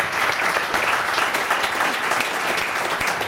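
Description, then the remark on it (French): Steady, dense applause from an audience fills the whole stretch, many hands clapping at once in a continuous, fairly loud wash with no talking over it. “Alors, on peut applaudir déjà. Bravo.”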